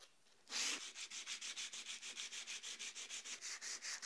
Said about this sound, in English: So 60 grit is a really good choice to start stripping this wood.